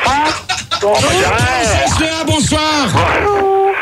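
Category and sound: human body sound, person yelling loudly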